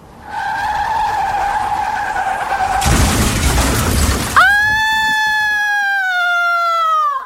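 A car's tires screech in a long, loud skid, then a harsh crash of impact and breaking, followed by another drawn-out tire squeal. No voices.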